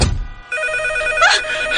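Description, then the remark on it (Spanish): A telephone rings loudly in a house, its bright electronic bell tone sustained after a brief thump at the start, with no voices present. “Ay, no manches, maldito teléfono.”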